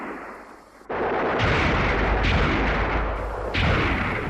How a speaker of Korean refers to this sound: 득강이는 몇몇 대원들과 유리한 지형을 차지하고 놈들을 본때 있게 쓸어 눕혔다. 덕송이가 달려왔다. 그는 놈들의 시체에서 총을 주워들고 필사적으로 사격하였다.